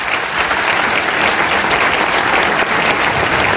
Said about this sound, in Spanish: Os pido un aplauso para ellos.